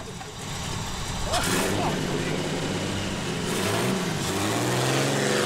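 A car engine revs up and accelerates away, its droning pitch climbing steadily over several seconds with a couple of louder bursts of throttle.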